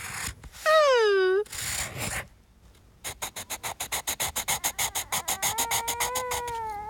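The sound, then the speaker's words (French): Pencils scratch across paper as Toudou draws at the dining room table in a quiet house, a fast, even series of about twenty rasping strokes. Earlier, a brief swooping, whiny tone rises over a hiss, and a faint wavering tone returns near the end. “Toudou aime écouter le bruit des crayons sur le papier.”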